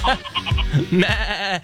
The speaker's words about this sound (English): Victoria, are those goats? They are goats.